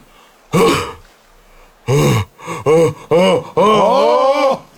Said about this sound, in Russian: А вот теперь зевок металлурга.